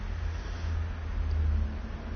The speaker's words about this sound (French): Un camion des postes, boulevard Saint-Germain, une Volkswagen, une voiture, une DS, une camionnette, une douzaine de voitures, une mobylette.